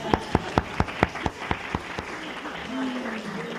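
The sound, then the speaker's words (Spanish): A short round of audience applause for a man: about nine sharp, evenly spaced claps in quick rhythm, fading after two seconds into a quiet background murmur of voices. “Muy bien, un aplauso para el hermano.”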